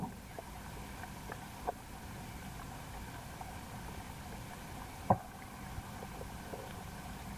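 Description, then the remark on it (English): Pond water at Zach Poff's Pond Station at Waveform, picked up by hydrophones at the bottom of the pond: a steady, murky low rumble with faint scattered ticks and clicks, and one sharper pop partway through. No voices. “Zach Poff's Pond Station has hydrophones at the bottom of the pond.”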